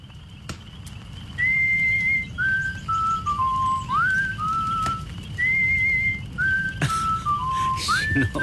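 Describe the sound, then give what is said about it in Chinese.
Someone whistles the melody of the Chinese song "Unity Is Strength" in two similar phrases, each opening on a sustained note and stepping down through shorter, clear mid-pitched notes, over a steady low rumbling background. “我爸爸总爱哼这首歌，团结就是力量。”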